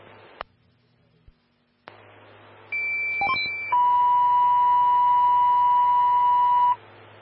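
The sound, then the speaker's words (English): Fire dispatch alert tones over a radio channel, alerting a fire station's engine and medic to a cardiac arrest call: a short, higher steady tone shifts into a long, loud lower sustained tone lasting about three seconds, preceded by clicks and a faint hum of static. “stand by for Tones on a cardiac arrest. This will be call 2.”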